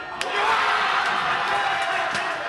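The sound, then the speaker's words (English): A packed sports bar crowd in Jackson Heights, Queens, roars and cheers continuously as Paraguay beats Germany with the final kick of a sudden-death penalty shootout, a dense wall of excited shouting and whooping, with a few sharp claps or bangs cutting through the noise. “Paraguay wins, vanquishing the legendary German squad. The crowd goes nuts”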